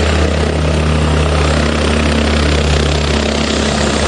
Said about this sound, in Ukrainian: Поки спецпідрозділ «Дельта» евакуює людей, з повітря пожежу гасить авіація.